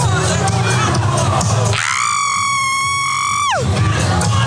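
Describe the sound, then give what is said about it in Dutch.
A person lets out one long, piercing high-pitched scream lasting about two seconds, held steady with a slight wavering vibrato before sliding down at the end, with crowd chatter around it. “Dat was een lange mooie gil. Zeker. Er zat wat vibrato in.”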